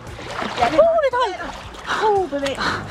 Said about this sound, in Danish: Ja, sådan vil det altså også lyde, hvis jeg hoppede en tur i vandet nu her. Vinterbadersæsonen, det var vores gode reporter, kollega, vi lige hørte her, der tog en tur i vandet.